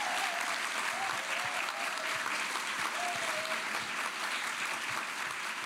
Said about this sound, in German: Ganz genau, der Applaus ist für Sie. Bravo und danke fürs Kommen.